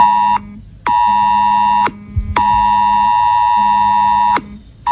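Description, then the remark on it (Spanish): A loud mobile emergency alert tone blares in long, harsh sustained bursts with brief gaps between them, a piercing electronic alarm sound that repeats insistently with no talking over it. “Suena en el móvil y uno se para. Mira la pantalla, busca los suyos y pregunta qué pasa.”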